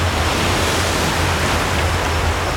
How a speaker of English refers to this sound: Waves, tremendous waves. Scary waves. And if you get in them, they'll just throw you out of the water. They could break your neck or anything.